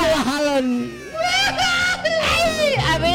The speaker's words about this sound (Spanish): si estamos tristes, estamos llorando.